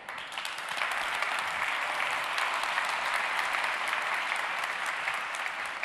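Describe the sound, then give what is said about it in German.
An audience applauds steadily throughout as the Lead Workforce Development at GlobalFoundries Dresden, Steve Federo, is called onto the stage to give a laudation: a dense, even wash of many hands clapping at a constant loud level with no voices standing out. “Einen großen Applaus bitte für Steve Federo.”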